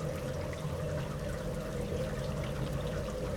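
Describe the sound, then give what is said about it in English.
Steady, dense rush of heavy rain falling in Põlgaste, southeast Estonia, a continuous hissing wash of water with a low rumbling undertone, holding an even loudness throughout with no voices. “It's raining pretty hard here in Põlgaste, southeast Estonia.”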